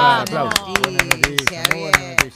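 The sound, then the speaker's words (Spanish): A short burst of applause on a Spanish-language broadcast: about a dozen sharp, evenly spaced claps in a quick steady rhythm, ringing out over a sustained voice-like tone underneath. “¡Aplausos!”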